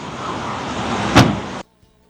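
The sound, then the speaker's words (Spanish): A car door is shut with a single solid thud over a steady rumbling vehicle hum, which cuts off abruptly moments later, leaving near silence and a faint click. “Que me cierre la puerta.”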